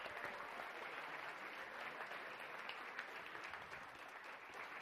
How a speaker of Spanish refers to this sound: Un fuerte aplauso para ella, por favor.